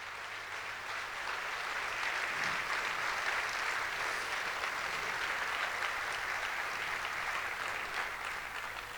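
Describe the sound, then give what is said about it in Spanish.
Sustained applause for Jesus from a large crowd at a religious gathering, a dense steady wash of many hands clapping at even loudness for the whole stretch, with no voices standing out. “¡Fuerte, fuerte, fuerte el aplauso a Jesús!”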